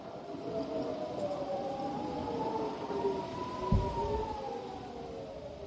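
Air raid warning sirens sound in several towns in northern Israel as rockets are launched from Lebanon, several overlapping tones slowly rising and falling in pitch over a steady rumbling background, with a brief low thump midway.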